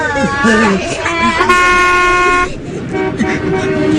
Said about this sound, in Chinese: 别按喇叭了，师傅们，孩子们害怕，大家帮帮忙吧！